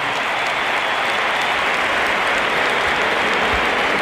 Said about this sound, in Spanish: Aplausos para Dani Carvajal